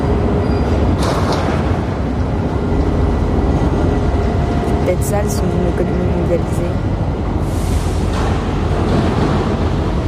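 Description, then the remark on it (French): Loud, continuous rumble of heavy machinery and engines at a container port terminal with huge gantry cranes, with squealing tones and a few sharp metallic crashes midway, while a person speaks over the din. “Des fracas métalliques. Des crissements. Des moteurs.”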